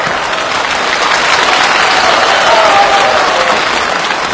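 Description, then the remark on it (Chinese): A live audience claps steadily and loudly for several seconds, a dense, even wash of many hands with no voices over it. “我看谁敢再鼓掌？”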